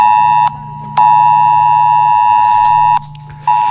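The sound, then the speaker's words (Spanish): A loud, harsh mobile phone emergency alert tone blares steadily, broken by a few short gaps into long, insistent pulses, with no voices; the alert sounding on the phones of over a thousand residents of Cofrentes, Valencia, Spain, during a drill around the nuclear power plant. “Les ha sonado en el móvil al millar largo de vecinos de Cofrentes.”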